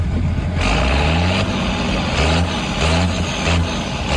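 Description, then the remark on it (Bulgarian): A graduating student's heavy tractor engine in Zagreb rumbles loudly, its deep idle throbbing steadily with a few rhythmic surges, and no voices present. “Матурант во Загреб се појавил со трактор.”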